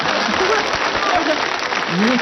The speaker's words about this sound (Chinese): 来，这都鼓掌啊！